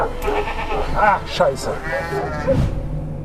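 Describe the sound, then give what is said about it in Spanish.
A ram bleats several times in quick succession, loud, each call a wavering, quavering cry with a rough, throaty edge, over some background noise. “Este carnero es el ejemplo perfecto de que hay quienes muerden la mano que te da de comer.”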